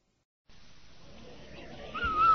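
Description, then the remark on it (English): A steady background hiss runs for a couple of seconds, then a clear, high whistle tone rises out of it near the end and grows louder. It is the Rinso whistle on a classic radio broadcast of the Amos 'n' Andy Show. “Hey, Annie, did you hear that whistle?”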